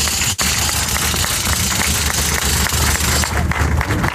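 A crowd at an event in the municipality of Villa de Pozos applauds steadily for about four seconds, many hands clapping into a dense, even crackle that stays loud throughout, with one brief dip just after the start.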